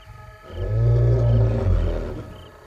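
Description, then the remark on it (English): A solitary invading male lion gives a deep, low grumbling call, not a roar but a short-range call to his companion, a sustained rumbling vocalization lasting a couple of seconds, fairly loud, with no talking over it. “Making a low, not a roar, but a low kind of grumbling sound.”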